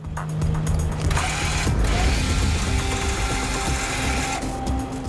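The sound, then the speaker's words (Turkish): A small winch hauling a deer carcass onto the back of a pickup truck ratchets steadily for about five seconds, a dense, fast run of mechanical clicks with a grinding, geared whine underneath, loud and continuous with no voices. “Umarım küçük vincimiz göreve hazırdır”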